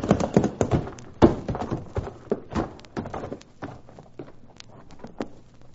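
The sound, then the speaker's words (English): Horses' hooves clip-clop in a quick, uneven rhythm of sharp knocks, fairly loud at first, then easing slightly softer toward the end, with no voices. “Come on, let's prod up these horses.”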